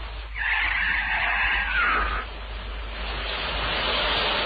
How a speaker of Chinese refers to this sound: 在滂沱的大雨中，突然一辆疾驶的小汽车撞倒了一个妇女。